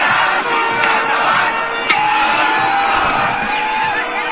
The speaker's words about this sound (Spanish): La emoción de los celestes inundó Paseo de la Reforma y las avenidas colindantes con la victoria del Cruz Azul. Los capitalinos salieron a festejar, gritar y avivar las calles.